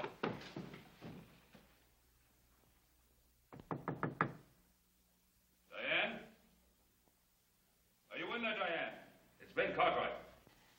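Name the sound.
knocking on a door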